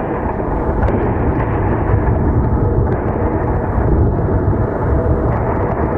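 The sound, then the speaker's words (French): A continuous low, heavy rumble of explosions from air defense intercepting drones or missiles in Kyiv rolls through the whole stretch, loud and muffled, with no clear separate blasts standing out and no voices. “Alors là, c'est le travail de la défense anti-aérienne, c'est-à-dire qu'on va entendre les explosions au moment des interceptions de drones ou de missiles.”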